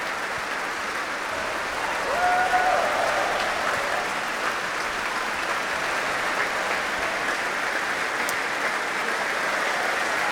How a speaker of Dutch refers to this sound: Want dit publiek wil graag laten weten dat ze hebben genoten. Groot applaus nu voor Alexei Ogrinchuk, de solo-oboist. En ook voor klarinetist Carlos Ferreira.